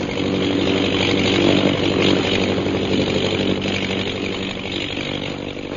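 A steady, buzzing propeller-plane engine drones throughout, swelling slightly early on and easing off toward the end, with no voices over it.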